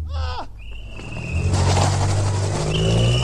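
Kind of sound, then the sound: vehicle, car accelerating away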